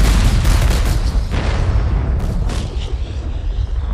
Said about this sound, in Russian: И уже совсем скоро в Москве прогремит салют в честь войск Ивана Конева.